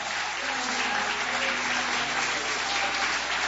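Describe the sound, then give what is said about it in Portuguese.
An audience applauds for Jesus, a dense wash of clapping hands that holds at an even, fairly loud level throughout, with a faint low hum underneath. “Podeis assentar, assentando aquelas palmas bem bonitas para Jesus.”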